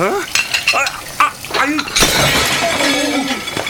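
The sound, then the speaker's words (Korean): A ceramic plate crashes and shatters during hurried dishwashing in a restaurant kitchen, a loud burst of breaking pieces followed by scattered clinks, with voices talking briefly before and after amid kitchen clatter. “아, 접시 깨면 페이에서 제한되는 계약서 알고 있죠?”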